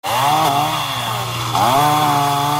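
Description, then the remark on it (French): A chainsaw roars loudly and steadily, its engine pitch dipping and surging as it bites into wood, with no voices over it, as residents in Florida clear trees felled onto the road by Hurricane Isaias. “À coups de tronçonneuses, les habitants dégagent les arbres tombés sur la route.”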